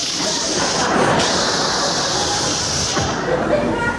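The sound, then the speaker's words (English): A voice makes a long, steady hissing 'shhh', imitating air escaping from a balloon, sustained for about four seconds with no pauses. “And he was a clever little balloon, because he didn't want to look conspicuous himself, and he decided on his way out of the room, he'd let some of the air out of himself. So he'd be the shh.”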